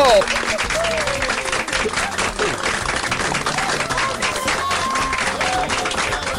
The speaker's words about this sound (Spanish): ¡Un abrazo y un aplauso!